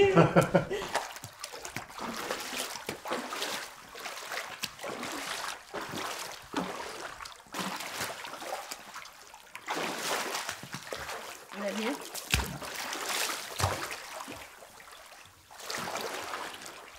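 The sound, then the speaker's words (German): Water splashes and sloshes repeatedly in a new studio pool without edges or tiles during its first acoustic test in late August, bursts of churning and dripping coming in uneven waves, moderately loud, with an open, echo-free sound like open water. “Also es klingt halt tatsächlich nach offenem Wasser.”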